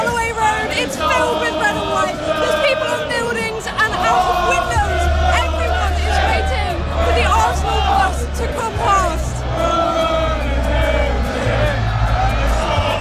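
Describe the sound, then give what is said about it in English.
A huge crowd of thousands of Arsenal football fans cheers and shouts together at the team's Premier League victory parade in North London in the afternoon. It is a loud, continuous roar, with rising whoops and a deep rumbling hum running underneath throughout. “Thousands of fans are cheering here.”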